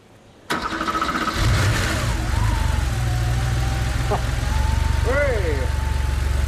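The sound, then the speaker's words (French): A 3.2-litre car engine, just fitted with a new fuel pump, cranks briefly, catches and fires up, then settles into a steady, rumbling idle with a deep low hum; a few faint tonal squeals and a click ride over the drone. “Surtout qu'on n'a toujours pas démarré ce moteur de 3 litres 2.”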